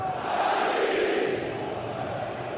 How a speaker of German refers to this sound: Und damit haben wir und da hört ihr auch den enormen Jubel natürlich hier im Eintrachtstadion. Ist ja klar, jetzt ist man hier auf Überraschungskurs.